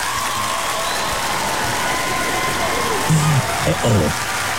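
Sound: applause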